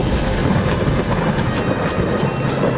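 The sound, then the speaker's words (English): A loud, continuous rumble of thunder during a storm, a dense steady roar with no sharp claps, filling the whole moment with no voices. “They shouldn't be under that tree with all this lightning.”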